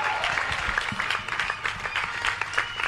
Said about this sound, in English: Let's continue clapping until he gets here.